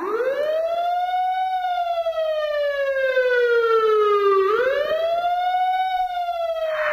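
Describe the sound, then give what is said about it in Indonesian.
A loud siren from a passing vehicle at the roadside wails on its own. Its pitch climbs, then slides slowly downward as it approaches and moves away (Doppler effect), before jumping back up and rising again, with a strong, steady loudness throughout. “Kalian pasti pernah lagi berada di pinggir jalan, terus dengar suara sirene atau musik dari sound system mobil yang lewat.”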